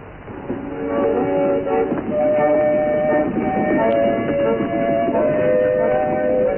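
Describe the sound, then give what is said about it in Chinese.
Train station ambience with a train: a steady, loud rumble of rolling cars runs throughout, overlaid by long, sustained horn-like tones, with no voices. “好吧，你去吧，到火车站上去，有个拿皮箱的人会来找你的。”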